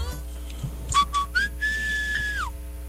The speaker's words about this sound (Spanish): vamos a ver cómo chiflaba